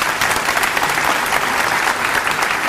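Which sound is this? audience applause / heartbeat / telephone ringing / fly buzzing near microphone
audience applause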